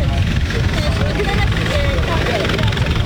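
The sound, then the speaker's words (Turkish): A coast guard helicopter's rotor drones loud and steady throughout, a dense rumbling thrum, as it picks up a survivor during a search and rescue, with a voice faintly audible beneath the noise. “Sahil güvenlik helikopteri de aldı ve başarılı bir şekilde şu anda kurtarıldılar.”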